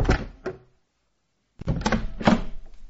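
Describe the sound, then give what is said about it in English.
A door is handled twice, first opening with a short scrape and thump, then after a silent pause closing with louder clunks and rattles, with no one talking. “Actually, I'll never get back up the chimney. Can I just use the door?”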